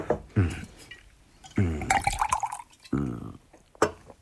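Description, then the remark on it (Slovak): Wine is poured in three short gurgling bursts, each with a hollow, bubbling tone, separated by brief pauses, ending with a faint splash. “A víno? V živote som také dobre nepil.”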